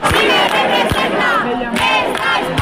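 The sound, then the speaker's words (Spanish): A large protest crowd at the protest camp in the Puerta del Sol chants slogans in unison, a loud, dense wall of voices rising and falling in rhythmic shouted phrases with no break. “Centenares de personas han improvisado pequeñas marchas, han avanzado una pequeña distancia de estas vías y rápidamente han regresado a la Puerta del Sol, donde siguen entonando las proclamas. Bueno, la acampada sigue, como estamos escuchando,”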